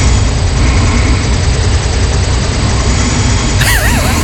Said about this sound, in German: Also, man hört auch so ein leichtes Schnarchen, ne? Ja. Ein bisschen unangenehm jetzt. Aber was ist... Welcher Helikopter fliegt durch mein Schlafzimmer nachts?